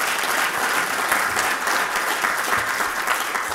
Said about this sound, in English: And so we vow and have vowed publicly to preserve and restore the building to its original glory. That, yeah, deserves a round of applause.